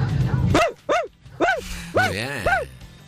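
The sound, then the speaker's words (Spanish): A person imitates a dachshund barking, giving five sharp, high yaps in quick succession, the last two drawn out and wavering, loud with a faint low hum beneath. “soy …, tengo un perro salchicha”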